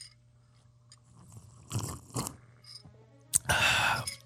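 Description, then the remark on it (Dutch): Someone slurps a sip of coffee: a short noisy slurp, a brief pause, then a louder, longer sucking slurp, all over a faint steady low hum. “Als doe je dan slurpje toe, hè?”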